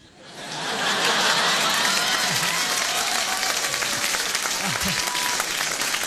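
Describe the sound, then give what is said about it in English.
Loud, dense applause from an audience swells in quickly and holds steady for several seconds, a continuous crackle of many hands clapping with faint cheering mixed in. “You guys are so generous with the applause, man.”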